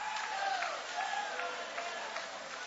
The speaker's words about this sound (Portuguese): Levanta a mão bem alta aplaudindo, levanta a mão adorando.